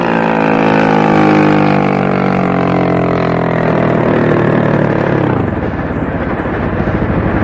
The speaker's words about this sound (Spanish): Las lanchas se detienen cerca de ellos, iluminándolos con los reflectores.